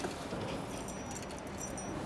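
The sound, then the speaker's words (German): Keys jangle softly for a couple of seconds as a key is handed over as a small gift, a loose run of small metallic clinks and jingles, quiet, with no one talking. “Kleines Geschenk. Dein eigener Schlüssel.”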